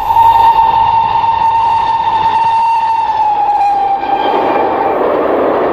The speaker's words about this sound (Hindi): बच्चों, रेलगाड़ी तो तुमने देखी होगी, है ना? हाँ, पहचान गए ना? रेलगाड़ी में होता है एक बड़ा सा इंजन और उसमें जुड़े होते हैं बहुत सारे डब्बे।